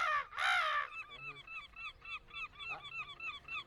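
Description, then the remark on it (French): During a hike at Sainte-Croix, a loud, strained human cry imitating a seagull rings out, followed by a rapid, steady series of shorter squawking gull-like calls that continue to the end. “vas-y, toi, fais le cri de la mouette.”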